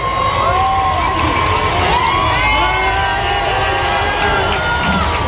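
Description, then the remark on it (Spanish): A large crowd along calle Goya roars with cheers and excited shouts as the white popemobile carrying the Pope arrives, a loud, dense wall of many voices that stays at full intensity throughout, with high-pitched yells rising above the din. “hasta que finalmente en el fondo de la calle Goya aparecía ese papamóvil blanco con el papa a bordo y toda la calle Goya ha saltado en un grito de explosión.”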